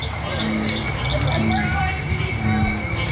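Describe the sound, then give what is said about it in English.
A dense, continuous chorus of cricket frogs, bullfrogs and bird-voiced tree frogs calling together as the sky turns dark, with repeated low droning notes pulsing every second or so over a steady bed of higher trills and chirps. “Cricket frogs, bullfrogs, and even the bird-voiced tree frog all add their songs to a growing chorus.”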